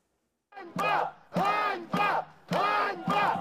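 A crowd of protesters in Kyiv shouts in unison, chanting the word "Einbar" (shame) over and over in a steady rhythm, four loud, forceful bursts with brief pauses between them.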